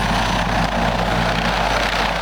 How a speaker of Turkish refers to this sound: T-129 Atak helikopteri